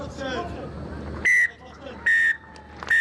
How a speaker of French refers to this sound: Et le coup de sifflet final dans cette rencontre, victoire de la Nouvelle-Zélande